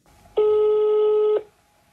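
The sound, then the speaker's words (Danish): A telephone busy tone in a call queue for an anonymous telephone counselling line sounds once, a steady, fairly loud electronic hum lasting about a second before cutting off abruptly, with no voices over it. “Alle linjer er desværre stadig optaget.”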